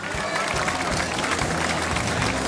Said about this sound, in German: Und dieser Applaus gilt auch gleich jenem Mann, der vom ersten Tag, von der ersten Stunde der Musi-Parade neben mir ist,